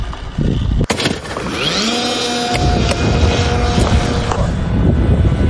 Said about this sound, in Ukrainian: Група аеророзвідки зі спеціальної катапульти запускає ось цього дрона.